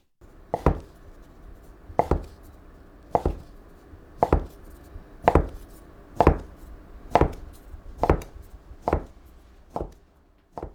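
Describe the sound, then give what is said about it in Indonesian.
A knife thinly slices folded udon noodle dough against a cutting board in about ten steady, evenly spaced thuds, roughly one per second. The sound is crisp, with no voices. “Iris seluruh adonannya yang dilipat tadi.”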